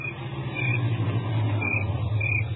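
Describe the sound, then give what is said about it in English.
A car engine rumbles steadily as a car pulls up in a driveway, a low continuous drone holding an even level throughout, with no voices over it. “There was another car in the driveway when we pulled up.”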